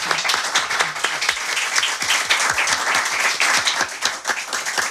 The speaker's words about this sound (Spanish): Sus micrófonos y su casa y un aplauso y el agradecimiento también a cuantos amigos y amigas nos han acompañado.